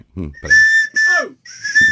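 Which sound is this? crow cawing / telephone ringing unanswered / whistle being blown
whistle being blown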